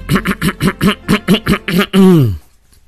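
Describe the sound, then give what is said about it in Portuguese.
A person with a sore throat coughs in a rapid, rhythmic run of about nine short, harsh coughs, ending in a longer voiced rasp that slides down in pitch before fading out. “Ai, ai, ai, me perdoa, tá tossindo aqui em público.”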